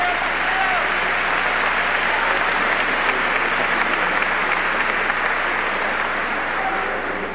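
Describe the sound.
Sustained audience applause as a speaker from Atlanta, Georgia, is brought up, a dense, steady wash of many hands clapping at an even loudness for several seconds, with faint crowd voices mixed in.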